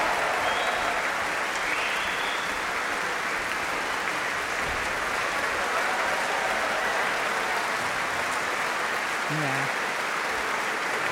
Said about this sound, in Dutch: En dit applaus was voor Martijn Boom. Voor het slagwerk. De grote trom.